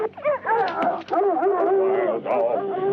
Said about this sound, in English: Them hounds got scent of something out there, all right.